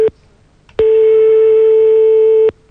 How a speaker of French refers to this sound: On est en train de composer le numéro de téléphone.